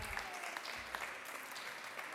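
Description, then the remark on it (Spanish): Steady audience applause, a dense continuous patter of many hands clapping at an even level throughout, with no voices standing out. “Un fuerte aplauso.”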